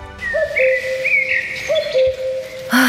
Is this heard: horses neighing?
no